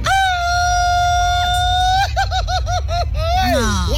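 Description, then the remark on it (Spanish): A man lets out a Mexican grito in a grito battle: one long, loud, sustained high yell, then a quick rippling 'ay-ay-ay' trill and a falling cry at the end, with no talking. “Grito battle, escuchemos. Un grito mexicano”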